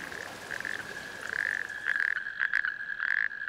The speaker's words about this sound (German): Es sind männliche Kreuzkröten, deren Bestand in anderen Teilen Deutschlands immer mehr abnimmt. Ihr Paarungsruf ist 2 Kilometer weit zu hören.